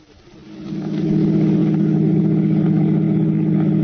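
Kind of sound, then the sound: vehicle, car engine driving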